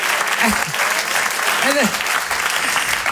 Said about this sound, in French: On peut l'applaudir, quand même, parce que depuis le début, c'est quand même... Non, mais c'est vrai.